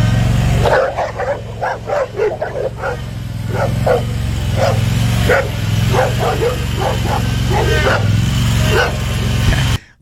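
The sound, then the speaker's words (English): Four dogs bark and yip in quick, repeated bursts while circling a person driving a lawn mower, over its steady low engine drone, the barking lively and continuous throughout. “They won't get out of my way. They won't leave me alone.”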